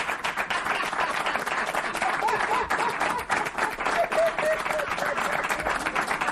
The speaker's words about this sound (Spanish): Aplauso para los padres.